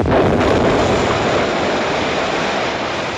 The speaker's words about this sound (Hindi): किसी कारणवश बड़ा भयंकर धमाका हुआ।